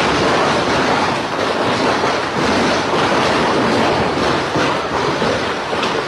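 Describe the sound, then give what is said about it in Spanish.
Heavy hail the size of tennis balls pelts down on the city of Asunción, Paraguay, in a loud, unbroken roar, packed with countless sharp rattling impacts that crackle almost like gunfire, steady for the whole stretch with no voices. “Lo que escuchan, que parece una balacera, es granizo y es un fenómeno histórico sin precedentes por volumen e intensidad en la capital paraguaya.”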